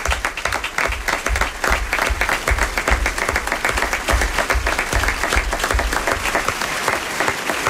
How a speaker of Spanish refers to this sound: ¡Aplauso para Pedro!